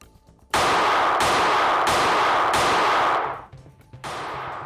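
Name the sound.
continuous gunfire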